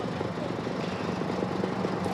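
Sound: firefighting helicopter flying overhead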